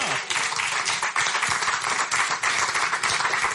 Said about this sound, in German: Herzlich willkommen und einen großen Applaus für uns.